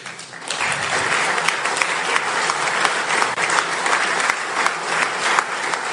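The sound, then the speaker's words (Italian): Steady audience applause fills the whole six seconds, a dense wash of many hands clapping at an even, fairly loud level with no voices standing out. “È un lavoro che fanno a livello internazionale, è un lavoro pregiatissimo, importantissimo per tanti di noi, e credo che vada anche tributato loro un applauso per quello che fanno a livello internazionale.”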